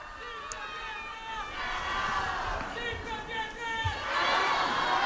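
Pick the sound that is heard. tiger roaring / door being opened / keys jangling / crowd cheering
crowd cheering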